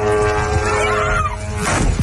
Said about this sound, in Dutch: Ja. Je hoort een drone-aanslag. Opnieuw viel Oekraïne een magazijn van de Russische webwinkel Wildberries aan.